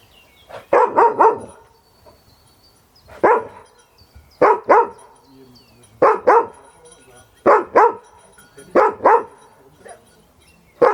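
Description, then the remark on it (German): A dog barks repeatedly in loud bursts of two or three sharp barks, separated by short pauses, across the whole stretch, during a search-and-help dog training exercise. “Das fängt an zu bellen.”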